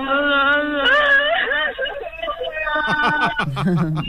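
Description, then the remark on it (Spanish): A voice performs an exaggerated mock crying wail, a long wavering high-pitched moan that breaks into choppy sobbing gasps and drops low at the end, loud with a thin, phone-like tone. “El llanto es que me ha gustado mucho, ¿eh?”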